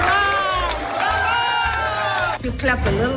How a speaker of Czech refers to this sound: Budete li i dalje pljeskali, mogla bih podijeliti ovu nagradu s Trumpom.